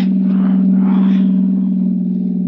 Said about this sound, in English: Okay, Tannen. Just pull the car to a stop.